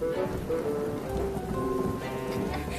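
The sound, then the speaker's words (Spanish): Steady rain pours down in a continuous, even hiss, moderately loud, with a low rumbling undertone and no voices throughout. “Son muchos días lloviendo.”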